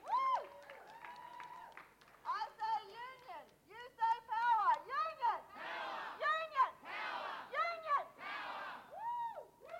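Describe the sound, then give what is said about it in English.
A crowd cheers and whoops with many overlapping high-pitched shouts, and a dense wash of clapping swells in the middle and later part, staying loud throughout, applauding Parks Victoria union members about to walk off the job for one hour of protected industrial action. “Give them a big round of applause, because it's not easy to walk out.”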